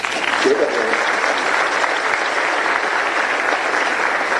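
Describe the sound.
Steady audience applause for the speaker's son as he stands up during a speech, a dense wash of many hands clapping at even loudness for several seconds, with a faint voice briefly audible near the start.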